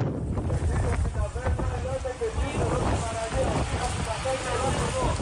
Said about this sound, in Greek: Καφή του λιμενικού προσεγγίζουν την παραλία της Πρέβελης που έχει περικυκλωθεί από το πύρινο μέτωπο.